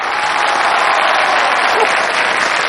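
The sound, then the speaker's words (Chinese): An audience claps steadily and loudly throughout at a performer's call for applause during a comedy skit, a dense wash of applause filling the whole stretch without pause, with no voices standing out. “明明今天我相亲，半路杀出个程咬金，大家给我鼓鼓掌，我和老程保命拼。”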